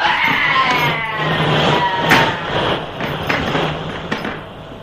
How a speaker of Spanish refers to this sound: ¡Dios mío! ¡Lo están electrocutando! Electricidad corre a través de la escala metálica y el árabe se retuerce lanzando gritos de angustia y terror.